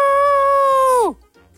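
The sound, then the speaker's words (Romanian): A rooster's crow: a loud, drawn-out harmonic note held steady for about a second before sliding down in pitch and cutting off, with no talking over it. “Cocoșul. Extraordinar.”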